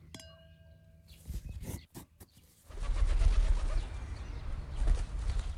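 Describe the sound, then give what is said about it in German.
A raven gives a short call, then a loud burst of rushing, fluttering noise follows as it takes off, wings beating for a few seconds. “Und so schwingt er sich elegant in die Lüfte und liefert seine Fracht ans Haus Hermann.”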